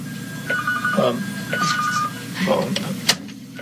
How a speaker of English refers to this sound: I don't know what phone that is.